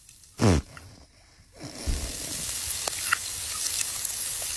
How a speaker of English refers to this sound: No, this is a sizzle of a steak.